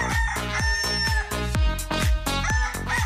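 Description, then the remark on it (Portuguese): A rooster crows loudly and repeatedly over a steady, thumping rhythmic beat, with no one speaking. “Aqui na Rádio Nova, nós temos o nosso galo aqui, ó.”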